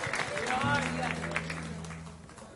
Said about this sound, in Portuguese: Palmas e vitória.